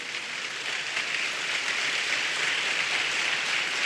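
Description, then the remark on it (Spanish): An audience applauding together for the Lord, a dense, steady wash of many hands clapping that holds at an even, fairly loud level throughout, with no voices heard over it. “Si va a aplaudir para el Señor, denle un fuerte aplauso.”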